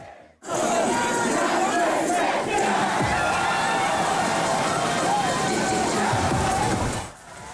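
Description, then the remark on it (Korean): Loud, continuous crowd din at the crowded outdoor Han River swimming pool in central Seoul on a hot summer night, as people escape the heat: many voices shouting and chattering at once, with splashing water mixed into the steady roar, holding level for about seven seconds. “주말의 마지막 밤, 서울 도심의 한강 수영장은 더위를 피해 나온 시민들로 잘 디딜 틈이 없습니다.”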